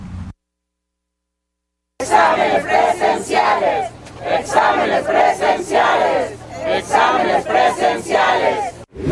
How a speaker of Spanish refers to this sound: Al grito de examen limpio y transparente, alrededor de 100 aspirantes y algunos padres de familia marcharon por el campus universitario de la máxima casa de estudios.